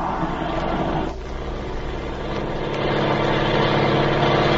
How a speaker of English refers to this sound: Hurry, the plane's turning around. They're going to take off.